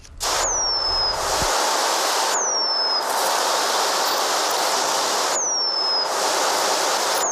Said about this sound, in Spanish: Hace tiempo que este canto, el del pájaro moscón, se apagó en la localidad vallesoletana de Nava del Rey.